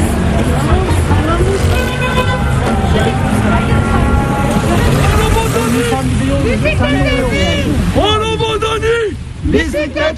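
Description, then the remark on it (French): Loud, continuous city traffic in Istanbul with engines rumbling and car horns tooting now and then, while voices talk over the busy roadway noise. “Alors là, on arrive dans la circulation.”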